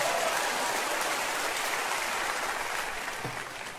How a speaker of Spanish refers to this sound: Ahora sí, bueno, si va a aplaudir, aplauda y luego se puede sentar.